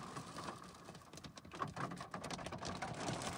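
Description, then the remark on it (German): Heavy hail and rain from a storm front pelting down steadily in North Rhine-Westphalia, Germany, many hailstones about the size of a 50-cent coin, a dense, crackling patter of many sharp impacts with no voices, constant throughout. “An vielen Orten hagelt es auch.”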